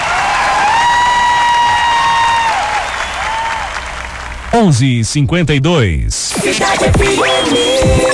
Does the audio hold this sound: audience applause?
yes